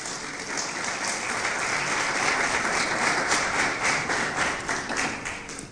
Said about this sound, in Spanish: ¿Cuántos dicen gloria a Dios? Denle un aplauso, por favor, al Señor.